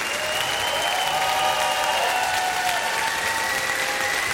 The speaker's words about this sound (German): Einen fantastischen Applaus an die beiden Solistinnen, Katja Friedenberg und Jonas Hein.